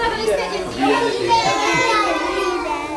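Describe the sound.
Lively indoor chatter of young children playing together in a kindergarten in Jihlava, several high voices overlapping and calling out, echoing, steady throughout.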